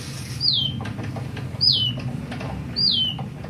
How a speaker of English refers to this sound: That is a fake bird that's been heard around the world at this point. Molly, who, as you heard, originated here in Seattle. The artist's name is Bliss Kolb.